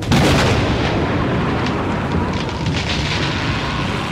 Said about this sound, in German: Ein Gewitter zog in Richtung Waldlichtung und unaufhörlich rollte der Donner.